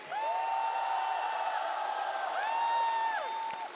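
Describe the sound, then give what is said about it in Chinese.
A crowd applauds steadily for a singer after her performance on the stage of the show Singer 2026, a dense wash of clapping with long, high sustained cheers or whoops riding over it. The sound stays loud for the whole few seconds. “谢谢，来，所有朋友们，掌声给”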